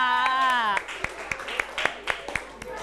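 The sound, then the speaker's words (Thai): Children in a class clapping for their classmates and themselves after a group tower-building activity, a loose, uneven burst of about a dozen sharp claps following a brief stretch of a woman's voice at the start, moderately loud and scattered rather than a sustained ovation. “ปรบมือให้เพื่อนด้วยค่ะปรบมือให้กับตัวเองด้วยค่ะ”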